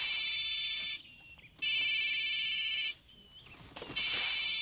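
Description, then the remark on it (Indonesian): A phone ringtone for an incoming call plays in three loud, shrill electronic bursts, each about a second long, separated by short quiet pauses. Nobody speaks over it. “Indra telepon.”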